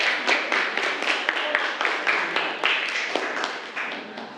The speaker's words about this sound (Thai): โอเคครับพร้อมแล้วปรบมือให้กับตัวเองเลยครับนักเรียน